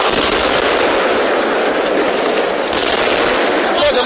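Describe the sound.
A loud, unbroken barrage of explosive blasts and crackling bursts from repeated missile strikes on dense residential buildings at night, with indistinct voices of patrol officers buried beneath the noise as they pull injured people out.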